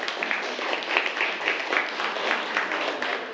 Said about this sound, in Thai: เอาล่ะปรบมือให้กับเพื่อนนะครับ